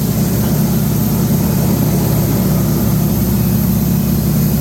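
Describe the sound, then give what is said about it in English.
A Yak propeller plane flying in formation, its engine roaring steadily overhead, a loud, deep throbbing drone that holds constant for the whole stretch with no voices. “Oh, love the sound of the engine on that.”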